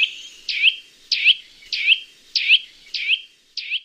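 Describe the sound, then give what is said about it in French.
A loud, piercing bird call repeated six times in a steady rhythm, each sharp, high note rising and falling quickly, with no talking. “Son cri puissant est assez caractéristique.”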